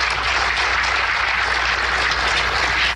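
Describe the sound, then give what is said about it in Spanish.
Steady, dense applause at a public event with President Sheinbaum, given by those on the presidium for Marina del Pilar Ávila, governor of Baja California, a loud continuous wash of many hands clapping together with no pauses, cutting off abruptly at the end. No one speaks. “¿Quién le aplaudió?”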